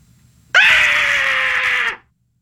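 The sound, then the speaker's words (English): A woman lets out one long, loud, high-pitched scream that holds steady for about a second and a half before cutting off, sounding terrified. No one speaks. “No, she's screaming. Yeah, I know, but it sounds like she's really scared.”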